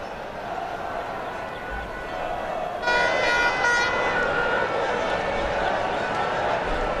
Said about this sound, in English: Lots of honking, lots of cheering. I can see on my screen a good gaggle of people with plenty of Spanish flags and wearing lots of red, getting ready for the parade a little bit later on.